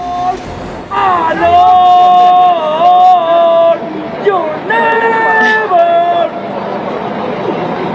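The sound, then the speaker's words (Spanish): A large crowd of Mexican football fans sings a loud chant in unison over a constant roar of background noise, delivered as two sustained, melodic phrases with a brief pause between them. “Mire, escuche usted un poquito lo que la afición grita, ¿no?”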